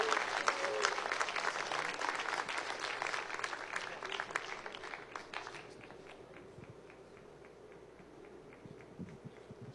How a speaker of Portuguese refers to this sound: Vamos receber esse querido casal com muita alegria. Vamos aplaudir Jesus bem bonito, irmãos. Pode bater palma e dar glória a Deus.